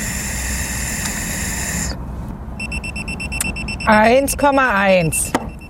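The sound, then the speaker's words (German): A breathalyzer alarm sounds after a man who has drunk 1.5 Mass of beer blows into it again: a steady electronic tone for about two seconds, then a run of rapid, repeated beeps, with a person's voice briefly breaking in over them. “Das schlägt hier wieder Alarm.”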